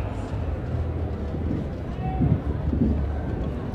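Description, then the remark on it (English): A steady, deep rumble of thunder rolls on for several seconds, swelling slightly toward the end, with faint murmuring voices mixed into the low roar, heard during a baseball game involving the Chihuahuas. “Well, I just heard some thunder there.”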